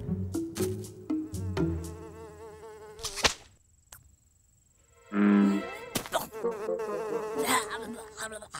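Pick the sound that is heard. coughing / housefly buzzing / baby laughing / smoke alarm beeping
housefly buzzing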